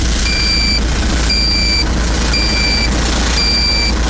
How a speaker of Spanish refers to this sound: Precaución ahí porque hay tráfico pesadito ahí.